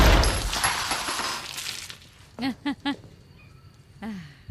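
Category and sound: sound effect, single gunshot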